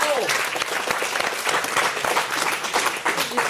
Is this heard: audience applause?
yes